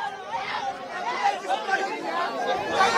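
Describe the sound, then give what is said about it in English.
A steady hubbub of many overlapping voices fills the scene, a dense babble of crowd chatter with no single speaker standing out, holding a fairly even loudness throughout. “Let me just also show the crowd over here.”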